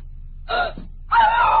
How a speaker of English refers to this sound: Why did you scream? Well, who wouldn't? The room was a shambles. Someone had searched it.